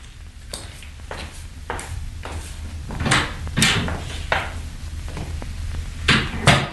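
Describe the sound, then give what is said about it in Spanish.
A wooden chair is carried over and set down, with a series of hollow wooden knocks and clunks at irregular intervals, the last few heavier, and no voices. “Alcánceme una silla y déjenos solos.”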